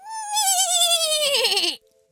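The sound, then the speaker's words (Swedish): A person imitates a horse's neigh: one loud, quavering whinny that slides downward in pitch for nearly two seconds, then stops abruptly into silence. “Är du bra på att gnägga”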